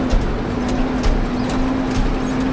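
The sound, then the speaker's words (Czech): A car rumbles steadily along a rough, temporary dirt track across the middle of a dam area, with a low engine hum. It jolts over potholes in repeated dull thumps and rattles roughly every half second, heard from inside. “Pěkně s autem jenom skáčeme v těch dírách.”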